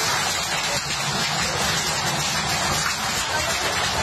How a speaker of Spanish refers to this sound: En Beniardá, en el Valle de Guadalest, el protagonista fue el granizo.